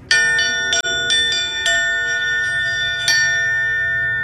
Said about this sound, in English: to please come ring the bell so people could pay their respects. And that was how we got to announce to our people